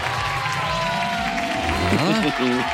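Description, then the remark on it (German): A crowd cheers and applauds in a steady, dense wash of noise, with excited voices calling out over the clapping and staying loud throughout, as a caller to a radio show wins a quiz prize. “Da ist schon der Jubel.”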